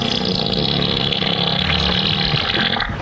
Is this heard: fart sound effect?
yes